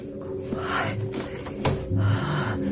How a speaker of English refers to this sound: Open the door.